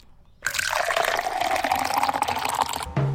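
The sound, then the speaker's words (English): Coffee pours steadily into a cup for a couple of seconds, a splashy stream whose pitch rises as the cup fills, then stops abruptly. “Pour the coffee, grab the toast.”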